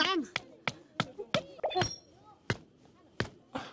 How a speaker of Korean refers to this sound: 이렇게? 돌 망치질로 튼튼한 천막이 완성됐습니다.